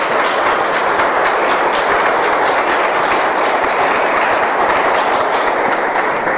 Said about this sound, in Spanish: Dale un fuerte aplauso a Dios por su palabra.